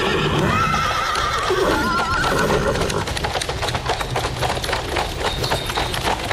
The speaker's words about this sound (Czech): Předjela nás najednou brička tažená antracitově černými koňmi. Řídil je vysoký muž.